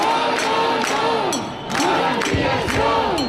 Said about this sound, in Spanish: Este ha sido el grito que se ha repetido una y otra vez a lo largo de toda la mañana en una manifestación a la que han asistido 5.500 personas, según la Guardia Urbana, 30.000 según los organizadores.